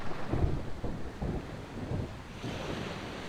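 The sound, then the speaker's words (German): A summer thunderstorm with gusting wind buffeting the microphone and a steady roar like rain or surf, broken by low rumbling bursts of thunder. Loud, with no voices. “Aber das Wetter spielt heute nicht mit.”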